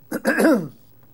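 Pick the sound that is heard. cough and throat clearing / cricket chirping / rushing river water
cough and throat clearing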